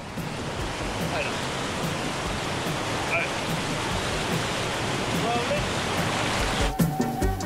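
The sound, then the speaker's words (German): A large waterfall at the end of a canyon, the goal of a canyoning tour, roars steadily with a dense, unbroken rush of crashing water, loud throughout, with a few brief clattering sounds near the very end. “Ziel der Tour, ein großer Wasserfall am Ende des Canyons.”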